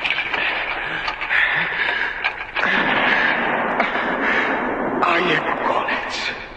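Several booming distress gunshots ring out from a ship, heavy and echoing, set against a constant loud roar of wind and churning sea.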